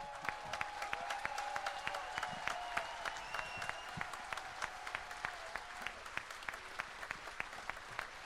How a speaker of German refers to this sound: Ihr seid ein sehr undiszipliniertes Publikum, muss man sagen. Der Ansagenbogen war noch nicht erreicht. Ihr müsst jetzt dann gleich nochmal klatschen, weil ich wollte ja nur ein paar Sachen sagen.